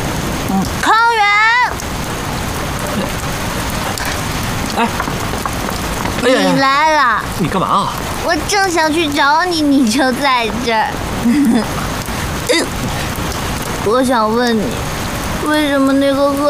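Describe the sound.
Steady, dense rain hisses throughout, constant, while people talk intermittently over the downpour.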